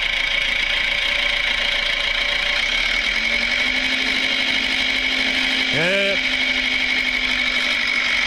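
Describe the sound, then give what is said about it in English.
The engine of a little red, somewhat scruffy tractor chugs steadily and loudly, then briefly revs with a rising whine as the tractor pulls away. A voice says a single short word over the noise. “The little red tractor is a little bit scruffy.”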